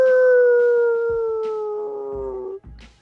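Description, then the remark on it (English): A dog lets out one long, loud howl that slowly slides downward in pitch for about two and a half seconds, then breaks off, followed by brief low rustling. “Where's the dog in here?”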